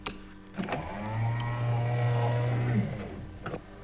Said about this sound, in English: Close the sound doors, will you?